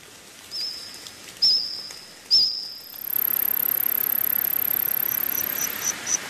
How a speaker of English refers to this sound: Insects chirping, trilling and squawking there, making up the soundtrack of a new Steven Spielberg series called The Dinosaurs.